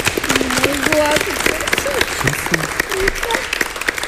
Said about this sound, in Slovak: Ale krásnych 30 sekúnd na to, že jahodka išla dole. Podzemia. 30 sekúnd, to si zaslúži potlesk.